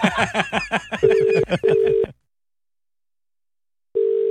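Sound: telephone being dialed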